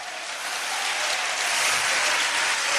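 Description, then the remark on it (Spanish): A crowd claps loudly and steadily for Christ, a dense wash of many hands with no pauses, growing slightly fuller toward the end. “Denle fuertes aplausos a Cristo en esta hora.”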